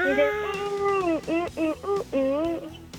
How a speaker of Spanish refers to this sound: ¿Y más o menos cómo va? Pues son puros maullidos de gatos.